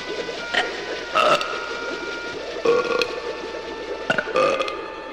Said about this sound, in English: Attaboy! Burp again! Attaboy! Come on!